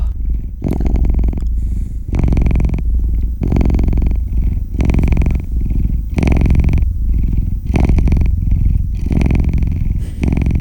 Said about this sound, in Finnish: Tää on kyllä hyvä soundi. Vaikka mä oon enemmän koira ihmisiä, niin kyllä tää kissan kehräys.